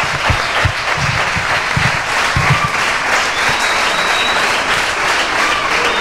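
An audience applauds steadily throughout for a sports club receiving an award, a dense wash of many hands clapping, loud and sustained with no gaps, with a few scattered low thumps and faint whistles mixed in.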